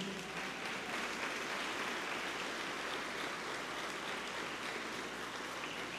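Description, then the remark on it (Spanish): A crowd claps steadily for several seconds, a dense, even wash of many hands with no voices standing out, holding a constant loudness throughout. The applause thanks the members of Encuentro Matrimonial Mundial (Worldwide Marriage Encounter). “Les brindamos un fuerte aplauso.”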